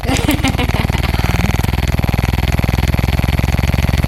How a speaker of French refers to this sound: Donc là, vous avez assez d'indices pour qu'on puisse écouter la première piste. Il s'agit d'un sextoy.